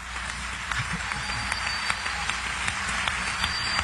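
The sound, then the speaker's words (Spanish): A crowd applauds steadily, with dense overlapping claps forming a continuous wash of sound at moderate volume, a few sharper individual claps standing out from the mass. “Y de hecho, en esta noche, cuando usted aplaude después de cualquier canto, ese aplauso es para el Señor Jesucristo.”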